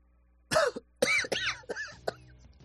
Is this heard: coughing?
yes